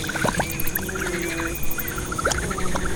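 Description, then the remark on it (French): A small creature in a swamp with a forest of giant ferns in the Auvergne region of France buzzes with a rapid, pulsing whir like a tiny helicopter, a steady mid-pitched drone broken into quick rhythmic beats, with a lower hum briefly joining in, as wind blows. No one speaks. “Oh, elle fait un drôle de son, cette bestiole. On dirait un mini-hélicoptère.”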